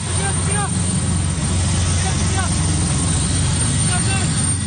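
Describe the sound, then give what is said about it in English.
A military helicopter descends onto a remote hill in Indonesia's eastern Papua region: a loud, steady roar with a deep, throbbing low rumble fills the whole stretch, constant, with faint higher chirps flickering above it. “A military helicopter descends onto a remote hill where the pilot and his burned-out plane were found.”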